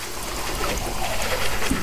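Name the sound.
water running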